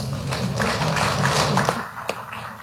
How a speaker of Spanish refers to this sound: Y por favor, les ruego un fuerte, fuerte voto de aplausos.